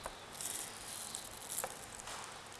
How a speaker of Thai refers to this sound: หั่นอย่าเล็กมากไปเพราะว่าเดี๋ยวไข่มันจะเละนะคะเราหั่นเพื่อให้มันเป็นชิ้นเล็กๆหน่อยนะคะ